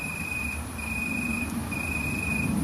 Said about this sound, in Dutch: Zit een boomkrekel te striduleren, ja, zo heet dat. Ineke hoort ze wel vaker in de uiterwaarden, maar dit is de eerste die ze hoort in haar achtertuin.